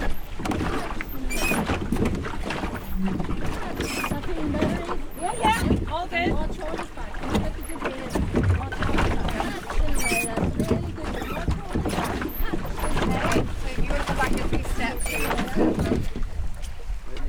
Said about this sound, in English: So forward to row means that you're ready to row. Your blade will be closer to the water. And then when I say row, you drop the blade in the water.